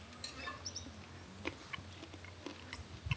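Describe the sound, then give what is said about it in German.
Soft, wet mouth sounds of someone sucking on the slimy pulp of a fresh cacao bean, only sucking it and not eating it, with scattered slurps and clicks, faint bird chirps in the background. “Es solo chuparlo, no comer.”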